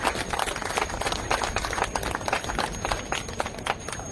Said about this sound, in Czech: Ten potlesk vám právě patří.